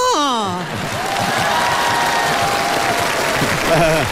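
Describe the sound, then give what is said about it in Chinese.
Sustained audience applause for a crosstalk (xiangsheng) comedy performance on stage, a dense steady patter of many hands clapping, with a brief voice audible at the start and again near the end. “感谢大家热情的掌声”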